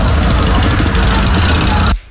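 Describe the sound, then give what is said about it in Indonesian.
Loud, dense rumble of many motorcycle engines running together in an Arema convoy at night at the Balai Kota (city hall), a steady roar with a murky wash of noise, cutting off abruptly after about two seconds. “Ini banyak yang pakai sepeda motor.”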